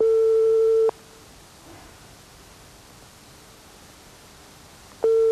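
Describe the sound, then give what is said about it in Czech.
A telephone ringing tone on the line while placing a call: a steady, mid-pitched buzzing beep lasting about a second, then several seconds of quiet hiss before the next beep begins. No one speaks. “No, tak mi to zahraj. Jak jsme volali Kohoutka.”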